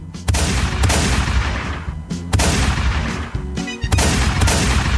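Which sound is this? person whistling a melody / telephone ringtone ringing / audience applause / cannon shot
cannon shot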